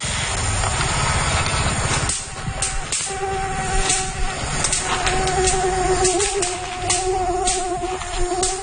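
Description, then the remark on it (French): A mosquito is zapped by an electric anti-mosquito racket: a steady insect-like whine and hum runs throughout, broken by several sharp, crackling snaps at irregular intervals, fairly loud. No one speaks. “Quand on tape la balle, mais qu'en fait, c'est un moustique, qu'on éclate contre sa raquette anti-moustique, c'est un petit claquement qui est assez, assez sympathique.”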